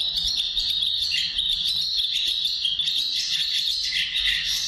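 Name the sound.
collared pratincole call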